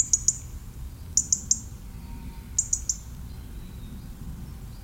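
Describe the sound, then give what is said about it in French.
A European robin gives thin, high-pitched notes in short bursts of two or three, repeated at intervals over a low, steady outdoor rumble. No one speaks. “On reprend à ce moment-là où le rouge-gorge vient prendre ses quartiers d'hiver.”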